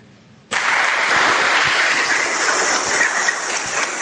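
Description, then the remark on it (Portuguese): After a brief quiet moment, a crowd at the Santa Ana community's festival bursts into loud, dense applause for the organizing team that holds steady, many hands clapping together in a continuous wash until the end. “Essa salva de palmas já mostram o carinho desta equipe bonita, histórica, que algumas vezes a gente tem algumas dificuldades, mas eles aceitaram com muito amor e muito carinho estar no meio de nós.”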